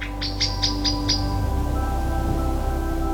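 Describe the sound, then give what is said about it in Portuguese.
In a forest of cork oaks, oaks and strawberry trees in the Serra de Monchique, at first light with a layer of fog, a bird gives a quick series of five bright, evenly spaced chirps, then falls silent, leaving a steady low background hum and faint outdoor ambience. “Não vejo viva alma, só imagino o canto dos pássaros, o som das folhas, a sombra das árvores e aquele cheiro a terra úmida.”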